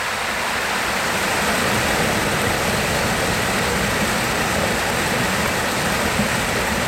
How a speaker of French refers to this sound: Et puis le chant du ruisseau. Il voilà. Faut qu'on l'écoute, le chant du ruisseau.